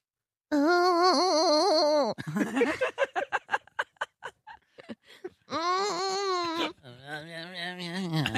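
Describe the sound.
A person imitates a cow mooing in a mooing competition, with long, wavering, high-pitched vocal moos, broken up by a run of short choppy vocal bursts, then another drawn-out moo sliding lower. Loud.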